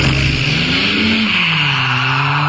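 A Ford Mustang sports car roars past at speed, its engine pitch rising and falling while tires squeal. The sound is loud, lasts a few seconds, and has no voices.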